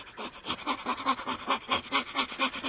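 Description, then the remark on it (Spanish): A dog pants quickly and steadily, a rhythmic run of breathy, raspy huffs repeating several times a second, with no one speaking. “El perro verde hizo un ruido.”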